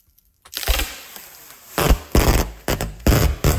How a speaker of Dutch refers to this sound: Het afrollen van verpakkingstape. Jeetje. Nou, als je had gezegd het afsteken van vuurwerk, had ik het ook geloofd.